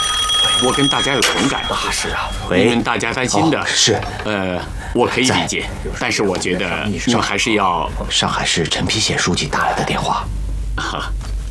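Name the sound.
telephone ringing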